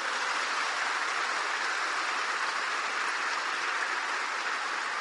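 A crowd claps steadily for about five seconds in applause for Saint Francis of Assisi, a dense, even wash of many hands with no voices over it and no clear rise or fade.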